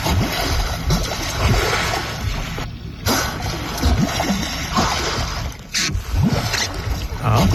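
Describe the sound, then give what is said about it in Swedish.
Heavy, continuous splashing and sloshing of water in Bømlafjorden, Sunnhordland, on a Saturday, loud, with churning bursts throughout and a brief lull near the middle, like something thrashing at the surface beside a boat. “Det kanskje ikke så lett å høre hva det Nei, det finner I hvert fall mye plasking.”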